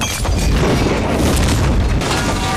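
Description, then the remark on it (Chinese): A loud bomb explosion roars through the whole stretch, a deep rumbling blast with crackling debris and a second surge near the end. No voices can be heard. “这个炸弹只是一个警告。是警告你，他能接近你。”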